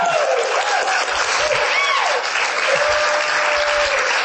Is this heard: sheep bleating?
no